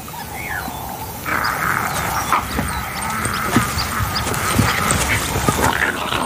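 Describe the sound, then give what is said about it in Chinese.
A black-backed jackal pup whimpers and whines in short, high-pitched bursts, repeating irregularly over a steady rustling hiss that swells after the first second. No one speaks. “这边的黑背狐狼父母对自己叛逆的幼崽越来越不耐烦了。”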